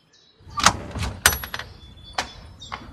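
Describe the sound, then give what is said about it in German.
A door is opened: a sharp latch click and clunk, a second knock-like clatter, then lighter rattles over a low rumble, with no one speaking. “Bitte öffne die Tür.”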